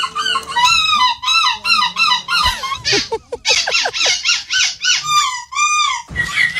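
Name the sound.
people imitating seagull calls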